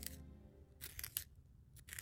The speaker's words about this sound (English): what are you doing? Sharpening my pencil. It's gonna be nothing but a stub.